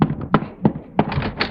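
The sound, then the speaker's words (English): A series of about five firm knocks on a front door, spaced unevenly over a second and a half, fairly loud, with no voices. “Somebody's at the front door.”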